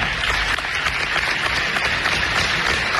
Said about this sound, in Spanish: Este recuerdo que viene a tener nuestra chica con vosotros, un aplauso para ella.